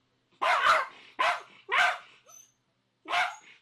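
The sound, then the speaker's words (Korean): Ellie, a dog recently rescued from a field, barks repeatedly, about five loud, sharp barks in an uneven rhythm with short pauses between them, with no people talking. “아, 그런데 무슨 일인지 좀처럼 짖음이 멈추질 않습니다.”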